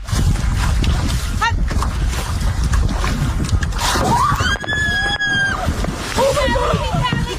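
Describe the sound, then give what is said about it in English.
Steady rush and slosh of water around an outrigger canoe paddled by a team of women racing on Monterey Bay, California, loud, with voices calling out over the splashing. “A team of women were paddling in an outrigger canoe race on the Monterey Bay, California.”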